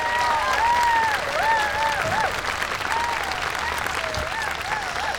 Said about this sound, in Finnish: Antakahan tässä vaiheessa vielä raikuvat aplodit bändille.